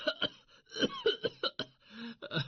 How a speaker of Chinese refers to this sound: 拿尼患了感冒， 出现了折磨人的咳嗽。 请来治病的医生给他开了一瓶药水后便告辞了。拿尼服过药毫无效果，当医生第二天早上来的时候，拿尼的咳嗽不止。